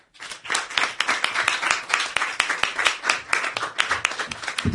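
A crowd bursts into sustained applause, many hands clapping in a dense, steady roar of sharp claps that holds at full strength for several seconds.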